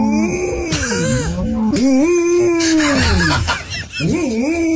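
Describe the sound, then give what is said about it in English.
A dog lets out loud, drawn-out moo-like groans, its pitch rising and sagging across several strained, muffled calls that run together for a few seconds. “This is actually a dog who moos, but it does sound like somebody who's been gagged.”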